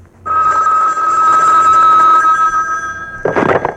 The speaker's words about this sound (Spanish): Velo, si en cuanto suena el teléfono vuela, míralo.